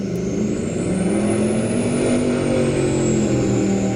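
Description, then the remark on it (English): A loud motorboat engine roars steadily on a lake in the Shuswap region, its droning pitch rising slightly and then easing, powerful, with no voices. “And a group in the Shuswap wants people to report loud boats on local lakes.”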